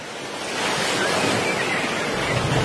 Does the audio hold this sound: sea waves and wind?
yes